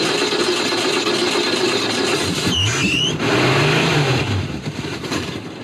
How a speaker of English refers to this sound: The 100-year-old Hupmobile has the hiccups. It was okay down right down to idle, and then it went over.